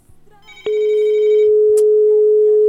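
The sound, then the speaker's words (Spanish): A telephone line rings with an incoming call that cannot be put through to the studio console. After a soft click, a loud, steady electronic tone starts and holds unbroken to the end, with a faint higher beep partway through and no voices. “Es que suena, pero no puedo meterla aquí a la consola.”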